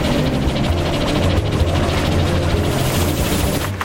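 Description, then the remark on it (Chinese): A loud, steady engine roars at high revs, a dense mechanical drone with a low humming tone that holds constant for several seconds without pause or speech. “现在我们要保持引擎高速转动。”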